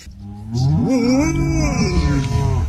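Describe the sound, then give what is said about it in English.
A golden retriever named Lucy Woos, at a farm, lets out one long, loud, moo-like call, mimicking a herd of cows in a field; the drawn-out, wavering tone lasts a couple of seconds with no one talking. “There's a golden retriever called Lucy Woos, great name, on Instagram, and she's been to a farm where she saw a herd of cows in a field and she's mimicked them.”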